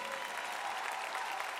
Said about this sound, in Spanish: Un fuerte aplauso para esta orquesta, por favor.